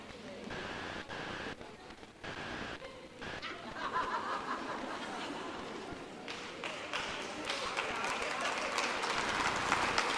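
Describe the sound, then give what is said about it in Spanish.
An audience applauds during a silent pause in a speaker's talk, a dense patter of many hands mixed with scattered laughter, starting moderately and swelling steadily louder toward the end. “Ah, ¿ustedes saben por qué ustedes están aplaudiendo, verdad?”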